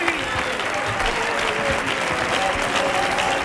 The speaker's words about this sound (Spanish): El aplauso para ustedes.